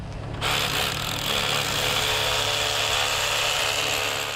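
A power drill starts up abruptly and bores steadily into a wall to set dowels for anchoring irons on the first level of an 85-metre wall, a loud, continuous grinding whine with a low motor hum that runs without pause to the end.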